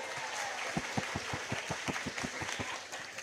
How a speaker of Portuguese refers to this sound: Mas tem uma notícia boa. Nós já temos o dinheiro. Uma salva de palmas, né?